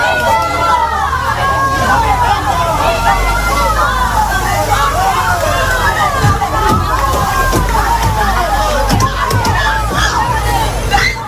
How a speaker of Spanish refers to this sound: Llegaban en un furgón blindado de la Guardia Civil al que golpeaban los vecinos.